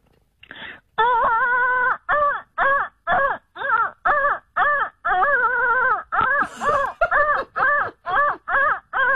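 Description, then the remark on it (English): A voice imitates a printer feeding paper with a loud, rapid string of about eighteen short, buzzy, wavering vocal bursts in a steady mechanical rhythm, with no other talk. “You know when the paper feeds through and it sounds exactly like that.”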